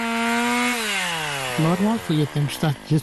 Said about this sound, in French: Alertés par le bruit des scies, les habitants en bordure de forêt sont fatalistes